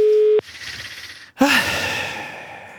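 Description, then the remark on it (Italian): A loud, steady phone ringback tone from an outgoing call at night sounds for a brief moment at the start and cuts off unanswered, followed by a pause and then a breathy, hissing sigh. “Vediamo se risponde. Tecnicamente sempre fa un po' fatica, il fatto che sia notte magari non aiuta.”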